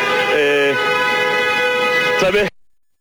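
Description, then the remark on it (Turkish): Sustained car horns blare loudly over steady traffic noise from drivers waiting in a traffic jam in the rain, with several overlapping honks of different pitches lasting about two and a half seconds before cutting off. “Tabii saat burada bekleyenlerin de kornayla tepkilerine sahip edebiliyoruz bir yandan.”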